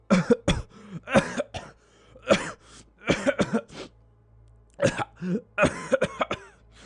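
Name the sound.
repeated coughing fit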